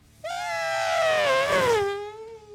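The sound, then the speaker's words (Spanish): A voice imitates a Formula 1 car passing from right to left: one sustained, buzzy, high-pitched wail that holds loud for about two seconds while sliding steadily downward in pitch, then fades. “Un Fórmula 1 viniendo de izquierda a derecha.”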